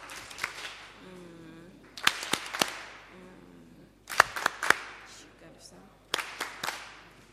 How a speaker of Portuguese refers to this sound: Palmas carinhosas.